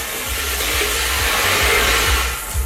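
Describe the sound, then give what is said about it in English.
A steady, loud whoosh of blown air fills the whole stretch as a lottery ball machine spins its balls, with faint rattling underneath and no voices. “All right, let's spin those balls.”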